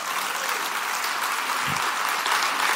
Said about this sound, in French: Dieu, si vous applaudissez, applaudissez vraiment en bon cœur, là.